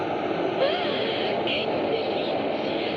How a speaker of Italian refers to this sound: Senti il vento della sotterranea!